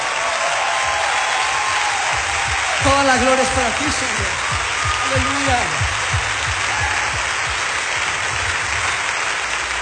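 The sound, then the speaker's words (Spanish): An audience applauds for Jesus in a steady, dense wash of clapping that fills the whole stretch, while a man's voice calls out over it twice, loud and fervent, urging them to clap loudly. “¡Sí, aplausos para Jesús! ¡Déselo bien fuerte!”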